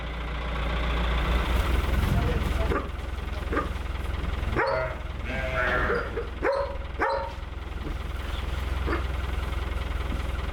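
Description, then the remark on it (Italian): Dry hay, cut by the farmer in spring and summer and properly dried, crunches and rustles steadily as it is spread out, with a low engine idling underneath and a few brief animal calls breaking through midway. “Il delicato profumo e il rumore croccante rivelano che è stato lasciato seccare a dovere.”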